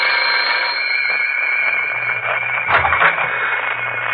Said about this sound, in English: The doorbell.